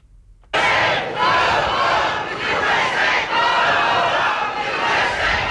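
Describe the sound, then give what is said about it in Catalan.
A large crowd of hundreds of protesters in Nuuk, the capital of Greenland, shouts against the United States in loud, sustained waves, many voices overlapping into a continuous roar with rhythmic surges, starting abruptly after a brief moment of near silence. “Amb crits contra els Estats Units, centenars de persones s'han manifestat a Nuuk, la capital de Groenlàndia, per mostrar el seu rebuig a les aspiracions de Donald Trump sobre l'illa.”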